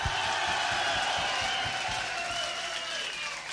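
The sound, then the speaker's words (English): A large heavy metal concert crowd roars and claps steadily as the band's bass player is introduced, a dense wall of cheering with rapid applause throughout, loud, fading slightly toward the end. “Are you people in the back ain't clapping?”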